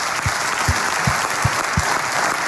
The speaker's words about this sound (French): Applaudissements pour Christophe.